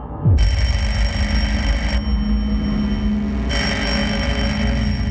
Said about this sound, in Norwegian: Ved 6-tiden om morgenen, mandag 8. april, våknet Koht til at telefonen ringte i Karistua på Lysaker. Det var hans kolleger i Utenriksdepartementet.